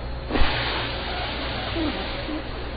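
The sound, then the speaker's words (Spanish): A voice imitates air escaping, a steady breathy hiss lasting a few seconds like a balloon deflating, fairly loud with no pauses. “Pero cuando tenemos mucha presión, ¿qué debemos hacer? Desinflar.”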